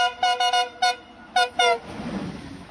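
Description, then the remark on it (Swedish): At a railway platform, a train driver sounds the horn on request in a quick series of about six short, bright toots in uneven clusters, then gives way to a low rumble of the train moving away. “visar för lokföraren att han vill att de ska tuta.”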